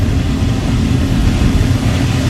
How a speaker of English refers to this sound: I mean, it was better than the jet that just flew by.